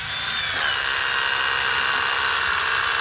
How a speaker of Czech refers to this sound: Když přicházím k západové desce budoucího kulturního centra, ozývá se ještě z jedné strany vrtačka, po chvíli ale její zvuk vystřídá slavnostní poklepání kladivem.